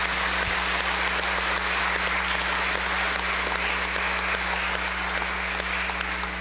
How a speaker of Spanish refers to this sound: Y a un buen amigo y servidor, al párroco también, le damos un fuerte aplauso de gratitud y de felicitación.